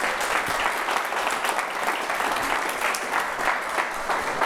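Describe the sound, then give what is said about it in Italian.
A crowd applauds steadily and loudly, dense clapping filling the whole stretch without pause, sustained with no voices standing out. “Un bel applauso, grazie davvero, grazie.”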